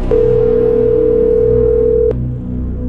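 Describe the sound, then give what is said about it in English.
A steady, unbroken telephone dial tone hums for about two seconds as a host calls a listener on the phone lines, starting and ending with a small click, over a low background murmur. No one speaks. “I'm going to go to the phone lines, hit one of you guys up, and get you hooked up to go check this out.”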